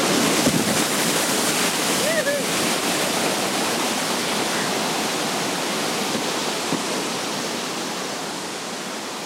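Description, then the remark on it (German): A waterfall on the Kirke river, formed by natural limestone deposits and weirs of old mills and sawmills, roars steadily and loudly throughout, a dense, continuous rush of churning water. A faint brief voice-like sound briefly surfaces near the start. “Über solche Wasserfälle lotst der Ex-Olympiateilnehmer die Anfänger.”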